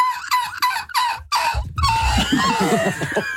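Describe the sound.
A person imitates a hoarse seagull: a few short, high squeaky cries, then a longer raspy, strained wail with a gravelly low rumble beneath it, fairly loud and with no speech.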